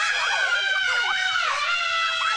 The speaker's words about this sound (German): Jeder sagt doch vor der Achterbahn den immer selben Satz. Ah, diesmal schrei ich aber nicht. 3 Sekunden später.